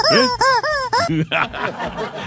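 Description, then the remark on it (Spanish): A rubber toy chicken gives four loud, nasal squawks in quick succession as its neck is pulled, each bending up and down in pitch, followed by a brief stretch of voices talking. “Claro, pero era cuestión de tirarle el cogote a la gallina y la gallina sonaba.”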